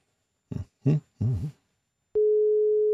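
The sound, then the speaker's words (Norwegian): A few short spoken syllables, then a steady, unbroken telephone tone switches on abruptly as a call is placed to contestant number two in a competition, holding at an even, moderate level through the end. “Skal vi ringe en deltaker nummer to? Ja, vi ringer med deltaker nummer to.”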